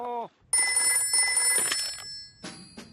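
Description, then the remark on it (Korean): A telephone rings loudly as a call is placed to the bear doctor, its bright electronic trill sounding in two long bursts and then starting again after a brief pause, preceded by a short tonal blip. “불곰 의사 선생님한테 전화를 하는 게 좋겠어.”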